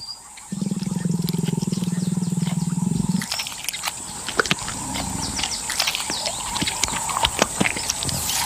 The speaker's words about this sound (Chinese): 他听着马赫里在树上咀嚼和吞咽的声音，期待着能掉下来一些碎肉或是渣子。